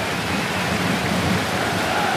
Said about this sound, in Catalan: sentiu la pluja o no? Sí, sí, wow, sí, espectacular.